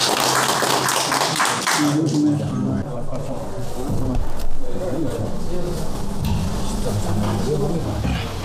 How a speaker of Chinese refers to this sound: 可不可以？ 可以， 可以，咱们鼓掌吧。